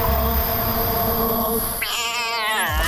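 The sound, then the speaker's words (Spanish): A cat lets out a single long, wavering meow near the end, loud, over a steady background hum with no one talking. “Pero gato ñau, ¿cómo te van a caer mal los perros?”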